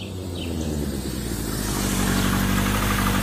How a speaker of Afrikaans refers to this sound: Dis hy! Dis oom Piet! Hy is hier! Roep Sunet toe hulle die motorfiets sien aankom.